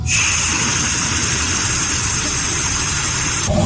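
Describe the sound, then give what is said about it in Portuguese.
A steady, loud hiss of air rushing out of a dry, opened water tap during a water shortage, a harsh bright rush that holds constant for about three and a half seconds before cutting off. “Quando tem falta de água e ele abre a torneira, o som que ele ouve é esse aqui, vamos acompanhar.”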